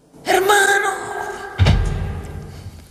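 A drawn-out, wavering vocal cry is followed by a single heavy, low thud, like someone dropping their full weight into a chair, with a dull rumble fading afterward.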